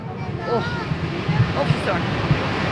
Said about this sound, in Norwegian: Ja, så kanskje dere hører lyden at vi nærmer oss fossen, dere.